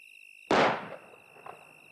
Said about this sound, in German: War das ein Schuss? Der kam vom Haus.